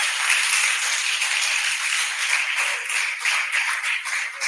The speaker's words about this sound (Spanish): Dele un aplauso a Jesús, hermano, para que no esté enojado.